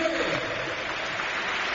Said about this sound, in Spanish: Aplausos para Brugui.